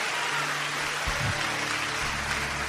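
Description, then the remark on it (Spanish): Steady, dense applause from an audience for Christ Jesus during a sermon fills the whole stretch, a continuous crackling wash of many hands clapping at an even level with no voices standing out. “Alguien tiene que darle un aplauso fuerte a Cristo Jesús.”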